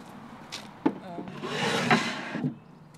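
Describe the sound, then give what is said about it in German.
A wooden crossboard scrapes as it slides into place as a drawer, a steady rubbing stretch of about a second, framed by a few sharp knocks of wood on wood, moderately loud. “Ein Querbrett als Schublade fehlt noch.”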